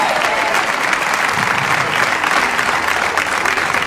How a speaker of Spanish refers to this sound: Fuerte el aplauso al Rey de Reyes. ¡Oh, te alabamos! ¡Te alabamos, te alabamos, te alabamos! Póngase en pie y dele un aplauso al Rey de Reyes.